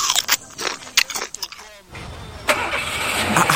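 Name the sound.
car engine starting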